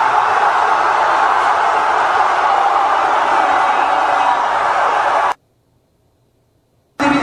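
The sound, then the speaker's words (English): A stadium crowd in Guadalajara, in Fox Soccer footage, roars wildly in a dense, sustained wall of noise for about five seconds, cuts out abruptly into silence, then surges back briefly at the end. “Guadalajara goes absolute limbs. God, these crowds are insane.”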